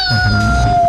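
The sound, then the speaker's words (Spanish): A single long, drawn-out cat meow, loud, holding a steady tone that sinks slightly in pitch, over a low rumbling background. “El gato.”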